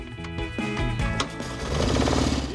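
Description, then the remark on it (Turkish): An engine turns over after a shot of easy-start spray, with rapid, rhythmic mechanical chugging that grows louder and steadier as it catches and runs. No one speaks. “Ve biraz kolay çalıştırma spreyiyle motor dönüyor.”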